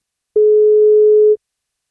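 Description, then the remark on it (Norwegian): A single steady telephone ringing tone plays as radio station NFM calls a listener for a birthday wake-up call, one loud, even beep lasting about a second, clear and alone with silence before and after. “Vi skal prøve å ringe og ta en telefon, så blir det kake.”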